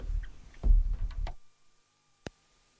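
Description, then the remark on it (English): Woody grandfather clock ticks: a few knocking beats over a low rumble, then a pause of near silence before one crisp, isolated tick. “Can you hear the grandfather's clock?”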